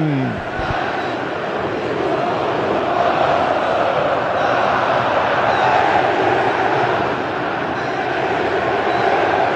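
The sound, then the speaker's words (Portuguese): A football stadium crowd at the Mineirão in Brazil roars and chants, a dense wash of many voices holding a loud, steady level for the whole stretch with no single voice standing out. “Torcedor do Brasil, ouça o som do Mineirão.”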